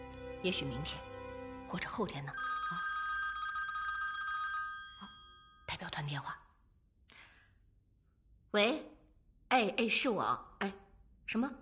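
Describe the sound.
A delegation's telephone rings with a steady electronic tone for a few seconds, fairly loud, with voices and breathy sighs before and after it.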